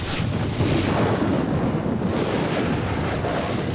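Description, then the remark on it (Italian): Thunder from a lightning storm rolls as a deep, loud, unbroken rumble, heavy in the low end with a rough, windy roar over the top, and no voices. “Quando i fulmini solcano il cielo, la colonia è pronta per l'evento.”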